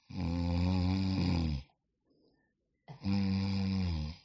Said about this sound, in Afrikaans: En my vrou snork ook. As enigiemand gewonder het, maar dit is net die medikasie wat sy vat, slat haar uit.